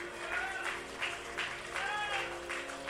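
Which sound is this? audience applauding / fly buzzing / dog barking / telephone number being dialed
audience applauding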